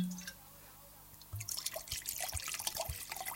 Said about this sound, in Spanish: Abre el vinito y después me dice. Primero abra la botella y después primero vamos a, lo primero, lo primero.